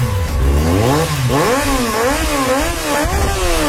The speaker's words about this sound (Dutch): Want ik heb nu een vraag voor alle motorbezitters die nu luisteren. Waarom maken jullie er altijd zo'n takkenherrie van?